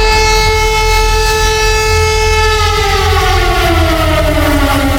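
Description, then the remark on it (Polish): A loud civil defense siren in Poland, sounded during a test of the national alarm system, wails steadily, its harmonic tone holding and then gliding slowly downward, with a low rumble beneath and no voices. “System nadawania alarmów w Polsce działa poprawnie. To było testowane wczoraj w wielu miejscach. Można było usłyszeć taki dźwięk.”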